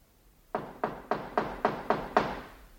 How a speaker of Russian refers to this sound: Стучат ко мне.